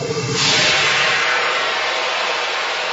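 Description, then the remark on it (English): A boiling kettle releasing steam through the whistle fitted in its spout: after a brief low rumble, a loud, steady rushing hiss swells in and holds evenly to the end, with no voices present. “The only escape route is through the spout, which is fitted with an actual whistle.”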